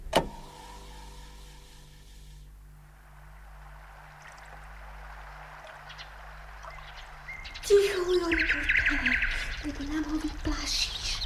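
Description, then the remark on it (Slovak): A low steady rumble drones for several seconds, then a nightingale breaks into loud song at sunset on the Babkin vrch hill: rich whistles, trills and varied chirping phrases that continue to the end. “No, to preca Slávika. Nepočuješ? Nepočuješ, ako krásne spieva?”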